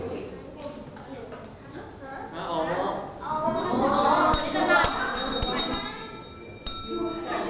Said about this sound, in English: If you know the answer, just hit the bell. Only one time, okay?